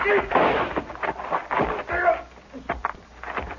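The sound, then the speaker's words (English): A rifle goes off as it is knocked aside during a struggle: a sharp, loud crack amid a burst of scuffling and struggling noises, with voices mixed in around it. “Rifle went off when I knocked it aside.”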